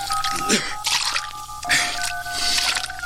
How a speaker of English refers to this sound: Maid, sprinkle the room with water to settle the dust.